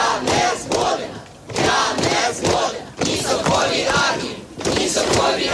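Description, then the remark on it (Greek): A large crowd of hundreds of Ukrainians protesting in the streets of Kyiv against the dismissal of Mykhailo Fedorov shouts and chants in loud, surging waves, roaring voices rising and falling every second or two, with occasional dull thuds under the continuous clamor. “Εκατοντάδες Ουκρανοί βγαίνουν στους δρόμους του Κιέβου και άλλων πόλεων και εναντιώνονται στην αποπομπή του Μικαήλο Φεντόροφ μόλις 6 μήνες μετά το διορισμό του.”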